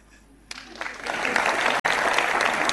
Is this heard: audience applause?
yes